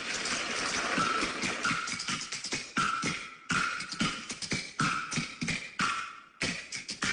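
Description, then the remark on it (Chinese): Crisp kuaiban bamboo clappers clack in a fast, steady rhythm, loud, the wooden clicks rattling in quick bursts with brief pauses between phrases, with no voices over them, in a kuaiban performance about Nezha Conquers the Sea. “快板表演来说说这哪吒闹海吧”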